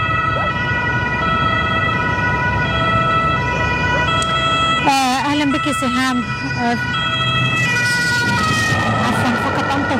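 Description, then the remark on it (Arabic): A loud police car siren wails continuously as it passes by in Berlin, its rising and falling tone dominating the scene, with traffic rumble underneath and a person speaking briefly over it. “لكي تمر سيارة الشرطة لكي أسمع.”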